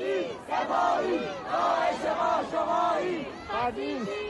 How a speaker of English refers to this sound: At 6:30 p.m., a crowd was just starting to form in Fardis, a small city on the outskirts of Tehran.